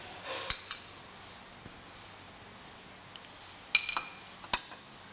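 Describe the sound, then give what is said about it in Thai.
Ham being added to a pot of soup once it returns to a boil, with a few sharp metallic clinks and taps of a utensil against the pot over a faint, steady simmering hiss. No one speaks. “นี่ก็รอให้น้ำเดือดอีกครั้งหนึ่งเราก็ใส่แฮมนะคะใส่แฮมลงไป”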